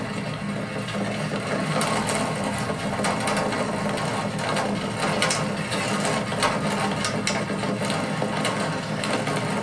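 A vehicle rattles and clatters steadily over the cobblestone pavement of the Bassinplatz square, a dense, continuous jangle of loose parts with rumbling road noise underneath, fairly loud, with no one speaking.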